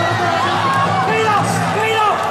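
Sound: crowd cheering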